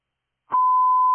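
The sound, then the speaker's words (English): A radio test tone, sent during a radio check with call sign Heavy nine, cuts in after a short burst of static: one steady, unwavering mid-pitched beep held at a constant loudness until it stops abruptly with a click. “Heavy nine, we received tones loud and clear, thank you.”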